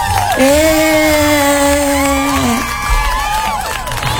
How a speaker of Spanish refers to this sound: Caramba, te voy a poner aplausos.